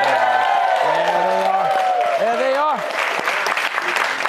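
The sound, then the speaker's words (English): A studio audience at Fox News Saturday Night in New York City cheers and applauds loudly, a dense, steady wash of clapping with high whoops and hollering voices sliding up and down over it throughout. “How about this crowd?”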